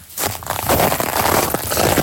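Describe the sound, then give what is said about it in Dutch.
Footsteps crunch over loose seashells, 16 tons of them, a by-product of fishing, laid as an artwork in a landscape garden. Each step is a brittle, crackling scrunch in a steady walking rhythm, with no one speaking. “Want schelpen, dat weten we, dat maakt natuurlijk geluid.”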